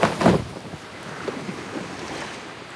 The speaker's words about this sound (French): Le bateau.